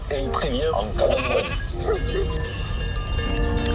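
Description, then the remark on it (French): A flock of 260 ewes in the Pyrenees: several sheep bleat in wavering, overlapping calls while bells ring and clink steadily in the background, giving the sense of a sizable flock moving together outdoors. “berger d'un troupeau de 260 brebis dans les Pyrénées.”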